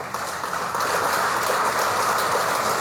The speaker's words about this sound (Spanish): Seguidamente vamos a invitar a nuestro hermano Omar Claros, alcalde municipal del Gobierno Autónomo Municipal de Villa Tunari, para quien voy a pedirles por favor un fuerte, fuerte voto de aplausos.